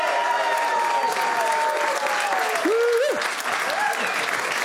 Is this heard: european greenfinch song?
no